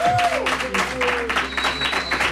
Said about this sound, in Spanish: Un aplauso para ti.